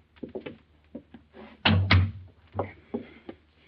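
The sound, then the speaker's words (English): A door being opened: scattered latch clicks and rattles, then two heavy wooden thuds in quick succession, followed by a few softer knocks as it settles. No one speaks. “Open the door.”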